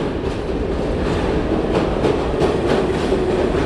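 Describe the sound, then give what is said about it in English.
A train rumbles steadily along the rails from inside the carriage, with a loud, continuous low roar and irregular rattling clacks as the wheels pass over the track joints. “So these poor guys acquired this talent on a rattly, bumpy sort of train, sleeping just slumped over.”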